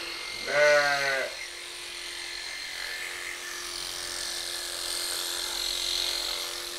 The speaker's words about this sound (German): Jetzt läuft's. Ja, war das auch ein bisschen das Schaf.